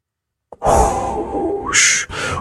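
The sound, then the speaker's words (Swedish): A voice imitates even bigger waves crashing onto sand: a long, loud breathy whoosh that swells, then bursts into two sharper hissing surges, like surf pounding onto sand. “Ännu större vågor.”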